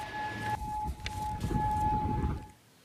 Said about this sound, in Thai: IRGC ออกมายืนยันว่าได้โจมตีฐานทัพสหรัฐในบาเรนและคูเวตหลังมีรายงานเสียงสัญญาณเตือนภัยทางอากาศดังขึ้นในทั้งสองประเทศก่อนหน้านี้ค่ะ